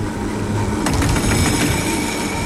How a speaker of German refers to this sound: Von der Seilbahn gehen wir zu einem anderen Verkehrsmittel, zum Tram. Aber nicht zu einem ganz normalen, modernen, sondern zu einem aussergewöhnlichen alten Tram. 130 ist es und es steht trotzdem nicht im Museum, oder besser gesagt nicht mehr.